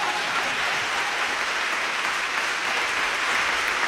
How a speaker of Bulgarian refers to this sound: Сега продължете с аплодисментите.